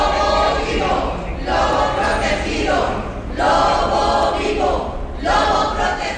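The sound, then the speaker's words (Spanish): A crowd of animal-welfare and conservationist protesters in Oviedo, Asturias, in front of the consejerías building, chants the slogan "Lobo vivo, lobo protegido" in unison as farm organization representatives enter: loud rhythmic shouted phrases repeating about every one and a half seconds, with brief dips between each chant. “Lobo vivo, lobo protegido, gritaba mientras iban entrando los representantes de las organizaciones agrarias convocadas a la reunión del Consejo Consultivo del Lobo”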